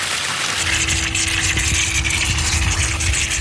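Water sprays out of a fire hydrant opened with a key by the local water master, in a steady, loud rushing hiss that stays constant throughout, with a faint low hum running underneath and no one speaking.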